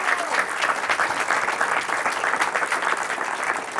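An audience claps steadily throughout, a dense wash of many hands producing a bright, crackling texture at a fairly even loudness with no pauses and no voices standing out.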